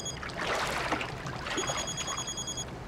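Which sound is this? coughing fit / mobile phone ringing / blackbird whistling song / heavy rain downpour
mobile phone ringing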